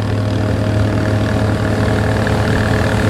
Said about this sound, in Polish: Obok nas już przepływają inne łódki. Bardzo szybko.